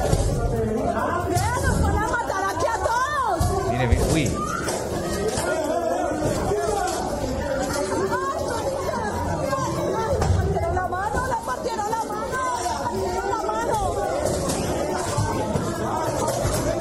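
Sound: crowd of people shouting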